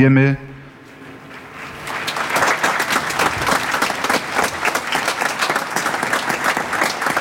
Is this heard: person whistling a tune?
no